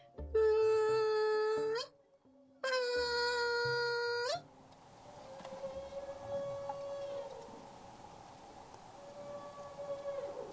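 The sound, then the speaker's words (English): A whale's feeding call, used after blowing bubbles around a school of Pacific herring to push the fish toward the water's surface: two loud, sustained, harmonically rich tones with a brief gap between them, then a long, fainter, steady moaning tone that holds for several seconds. “So the whales use this sound to push the fish towards the surface of the water, And then when the fish come to the surface of the water, they get concentrated there”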